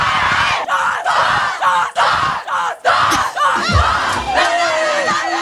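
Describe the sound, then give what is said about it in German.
A women's team shouts a loud, rhythmic cheer for their cup win in unison, several chanted bursts with short gaps, followed by excited yelling and laughter. “So, und jetzt wollen wir natürlich nur hören, wie der Jubel von den Wacker-Mädels geht.”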